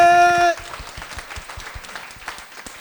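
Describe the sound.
A brief sustained voice note cuts off, and an audience breaks into steady applause, dense overlapping claps continuing at an even, moderate loudness to the end.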